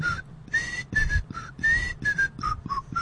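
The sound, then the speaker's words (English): Someone whistles the melody of a TV theme song, a bouncy tune of clear, bright notes in a steady rhythm with short breaks between phrases, fairly loud, with no talking. “It was whistled.”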